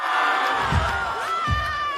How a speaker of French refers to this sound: Voilà, un policier en tenue avec son gilet pare-balles qui fait un AK au milieu de dizaines de lycéens qui le filment, qui l'applaudissent, qui l'acclament, vous les entendez.